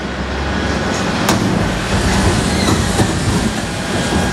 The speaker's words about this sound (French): Il est 4h29. La ville est encore endormie lorsque le camion Ben progresse lentement dans les rues désertes.